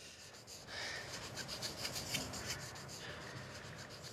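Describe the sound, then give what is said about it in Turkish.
Steady, rapid scratchy rubbing of sandpaper on a car's painted surface, taking off paint so it can be blended and polished, a continuous gritty rasp with repeated back-and-forth strokes, fairly loud and with no talking. “Bunu zımpara kağıdıyla çıkardık ki boyayı birkaç tamponla birleştirip cilalayabilirim.”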